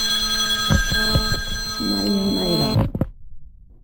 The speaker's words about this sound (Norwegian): Telefonen ringer, du er populære damer.